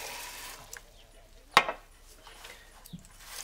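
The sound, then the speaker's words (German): A tap runs with a steady, soft hiss as someone gets a quick drink of water. Midway comes a single sharp clack, followed by a few fainter knocks. No one speaks. “Ich wollte nur kurz einen Schluck Wasser trinken.”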